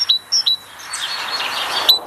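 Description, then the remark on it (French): A tit sings a few short, high, clear whistled notes in quick succession, then one more after a pause, over a soft background hiss, with no talking. “C'est la mésange.”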